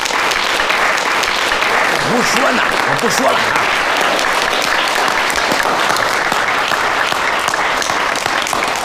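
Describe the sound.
Sustained, steady applause from a crowd gathered to learn Chinese opera fills the whole stretch, dense and loud, with a brief spoken voice surfacing partway through the clapping.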